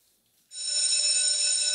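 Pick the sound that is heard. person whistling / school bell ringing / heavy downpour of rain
school bell ringing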